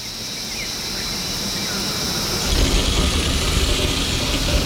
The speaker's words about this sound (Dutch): Wat horen we allemaal? Ik hoor insecten, krekels of zo.